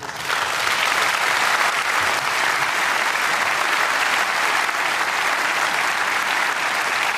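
Sustained applause from a large audience, a dense, steady wash of clapping that holds at an even, fairly loud level for about seven seconds with no voices standing out.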